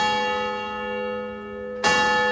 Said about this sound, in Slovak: Dal vyzváňať na kostolnej veži a jeho pomocník z celej sily vykrikoval.